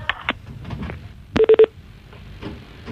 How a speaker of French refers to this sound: décroche, allez, ça sonne.